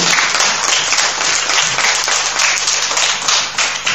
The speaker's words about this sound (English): The loudspeaker. Round of applause.